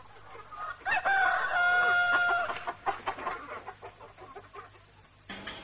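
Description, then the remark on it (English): A new rooster crows once, loud, with a long drawn-out call, followed by a scatter of short, irregular clucks and scratchy farmyard noises. “And that was the new rooster for Viv and Peter.”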